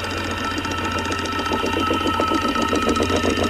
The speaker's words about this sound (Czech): A jo, je to datel. A ťuká si do rytmu Rádia 1.